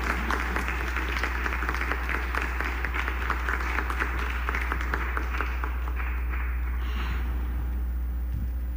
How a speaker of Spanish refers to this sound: Un aplauso para … en la guitarra, por favor.